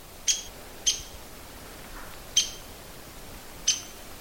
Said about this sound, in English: The woodpecker's a little downy woodpecker. He stopped doing that little call note.